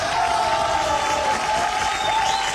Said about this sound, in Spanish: Aplausos. Muchísimos aplausos que nos permiten iniciar precisamente este programa.